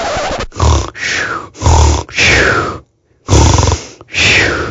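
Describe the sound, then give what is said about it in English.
Loud, rasping snores come in a rapid series of heavy, rattling breaths, each with a deep guttural rumble, broken by one brief pause before the snoring resumes. No one speaks. “Oh, that was me snoring.”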